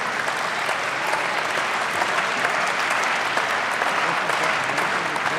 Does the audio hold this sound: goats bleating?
no